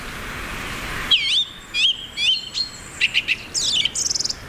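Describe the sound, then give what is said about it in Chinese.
A male bird sings a loud, varied territorial call that can be heard from far away: high whistled sweeps and slurred notes, then a quick run of sharp chirps and a rapid trill, with no talking. “雄性以响亮的叫声宣示领地，他的声音从很远的地方都能听到。”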